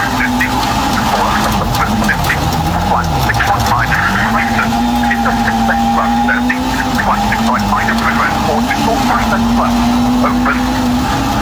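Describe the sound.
Oliver Solberg's rally car arrives at the stage finish in the Biobío region on a sunny afternoon. Its engine drones loudly and steadily, the pitch rising and dipping as it revs while approaching, with indistinct voices and crowd chatter mixed in underneath.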